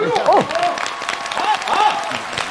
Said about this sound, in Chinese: 今天给我鼓掌的朋友，我一人给您100块钱。